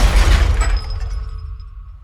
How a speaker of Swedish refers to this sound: Alkoholen gör att Marky somnar till bakom ratten samtidigt som han trycker foten mot gasen. Människor börjar skrika när bilen skenar och till slut kraschar rakt in i ett skyltfönster.